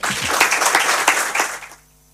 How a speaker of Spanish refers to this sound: Y para quien, bueno, pues este aplauso, no somos miles, pero creo que sí representamos a miles y a millones.